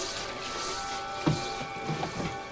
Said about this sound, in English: At a sink, a frying pan hovers under a running faucet. Moving by itself, a brush cleans the pan.